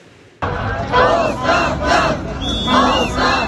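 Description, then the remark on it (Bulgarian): A crowd of protesters shouts together in loud, rising chants while blocking one of the key intersections in Mladost in protest against a building's construction. Several voices overlap in repeated bursts over a steady wash of street noise. “Във вторник граждани блокираха едно от ключовите кръстовища в Младост в знак на протест срещу строежа.”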